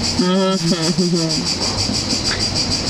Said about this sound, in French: C'est très esthétique, les grillons.